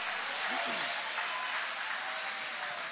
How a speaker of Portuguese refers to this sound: Pode tomar o vosso assento, guarda a sua Bíblia com carinho e pode aplaudir a Deus com alegria. Podem aplaudir, podem glorificar o nome de Jesus.